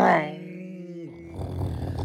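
A V8 engine roars, starting with a loud, strongly pitched growl that eases down and settles, then breaks into a rough, rumbling burble for the last second.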